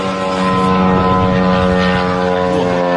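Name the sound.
drone propeller buzzing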